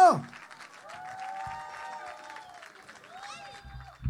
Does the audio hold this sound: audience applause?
yes